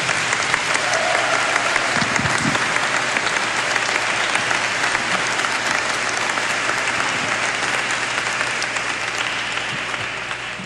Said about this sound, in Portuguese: Uma salva de palmas.